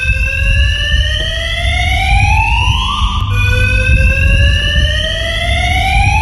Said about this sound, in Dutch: Ja, en die omwonenden die liggen natuurlijk wakker van dat lawaai van het alarm, van het brandalarm. Nou, de gemeente zegt dat het komt door hangjongeren die het brandalarm laten afgaan.